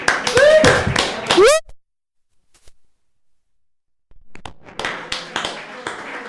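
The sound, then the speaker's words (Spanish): High voices of a choir of 57 children from the island of El Hierro and a man, with rising and falling pitch, then a pause of near silence before an audience breaks into steady, moderately loud applause lasting a couple of seconds. “Un aplauso, por favor.”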